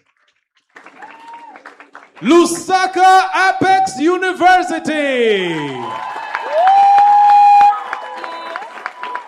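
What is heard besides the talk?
clapping and applause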